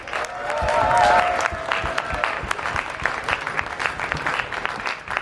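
A crowd at a yearly festival in a park in the Südstadt applauds the volunteers steadily, dense clapping with a brief whistle or cheer early on, swelling in the first second and then holding at a lively, even level.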